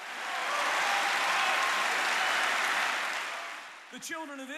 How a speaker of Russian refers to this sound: Хлопайте в ладоши, верьте в Бога. Пусть ваше тело откликается на то, что вы видите.